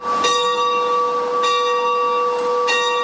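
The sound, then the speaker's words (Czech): The bell of the Church of St. James the Elder in Hůrky near Nová Bystřice rings out in steady strokes, about three clear strikes spaced evenly. Each strike leaves a long shimmering hum that sustains loudly between hits. No voices are present. “Takhle zní zvon v kostele svatého Jakuba staršího v Hůrkách u Nové Bystřice.”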